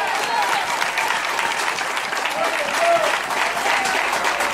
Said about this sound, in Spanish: Alabe a Dios que puede. Dele fuerte aplauso al Señor en esta hora.